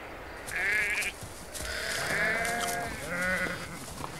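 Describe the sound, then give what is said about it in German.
A herd of goats in Greek scrubland bleats in overlapping, wavering cries, three main calls with a harmonic, nasal quality, fairly loud against a soft background hiss, with no one speaking. “Das Paar hat von seinem Nest aus eine Ziegenherde entdeckt.”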